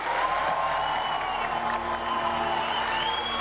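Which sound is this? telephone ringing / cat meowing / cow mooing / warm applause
warm applause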